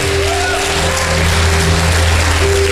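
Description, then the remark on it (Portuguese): An audience at a church service applauds loudly for the name of the Lord Jesus, a dense, steady wash of clapping that holds throughout, with a low sustained hum or held tones underneath and no voices. “Aplauda bem forte o nome do Senhor Jesus.”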